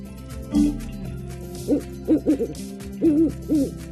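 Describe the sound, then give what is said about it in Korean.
An owl hoots repeatedly after a red button is pressed, a low soft call in short bursts: one near the start, then a run of three, then a pair, clear with no talking. “빨간색 버튼을 누르니까 올빼미가 튀어나왔어.”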